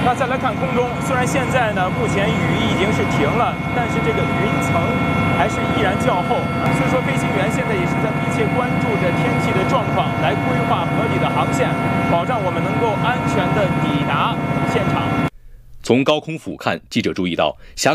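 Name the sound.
helicopter in flight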